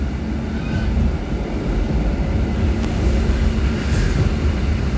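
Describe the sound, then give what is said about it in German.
A steady, heavy rumble of an older-model train pulling out, heard from inside, with a constant low drone and faint rattling and creaking over it. No one speaks. “Leute, das bisschen ältere Zugmodell rüttelt noch ein bisschen. Wir fahren jetzt aus.”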